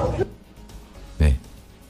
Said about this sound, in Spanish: Ay, el perro.